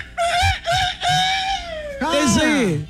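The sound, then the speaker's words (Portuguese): A rooster crow sound effect, loud, made of a few choppy bursts and then a long, wavering, strained call that sounds more like a frantic, squawking hen. “Isso não parece um galo, cara. Isso é uma galinha desvairada.”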